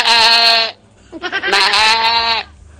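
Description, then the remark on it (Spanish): A man who imitates animals imitates a goat, giving two long, loud, quavering bleats separated by a brief breathy pause. “La cabra.”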